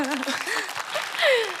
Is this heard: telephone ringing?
no